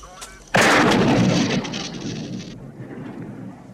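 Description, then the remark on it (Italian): A single loud gunshot bursts out of quiet and smashes into a police radio, leaving a harsh crackling, rumbling tail that fades over about two seconds. “Spara sulla radio.”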